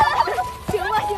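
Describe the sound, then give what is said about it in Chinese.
A goose, one of two, honks several times, loud and nasal, in quick wavering bursts over a bit more than a second, with a person's voice briefly audible. “哎，我们能不能远离鹅？”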